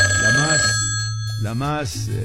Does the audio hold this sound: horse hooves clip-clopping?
no